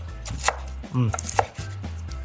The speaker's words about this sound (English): We're gonna set our skillet to a medium heat, and while that's heating up, I'm gonna start to chop up the bacon.